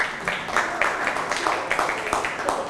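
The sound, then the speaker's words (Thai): A class of students applauds a classmate, a dense, steady patter of many hands clapping at moderate loudness for a few seconds with no clear rhythm. “นั่งลงได้ปรบมือให้เพื่อนครับ”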